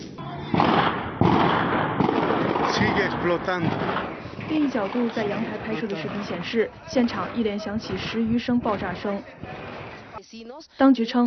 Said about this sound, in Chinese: 另一角度，在阳台拍摄的视频显示，现场一连响起10余声爆炸声。当局称，爆炸发生在当地时间下午2点30分左右，地点是一处烟火材料储存区，有玻利维亚官员表示，其源于国防部的烟花库存。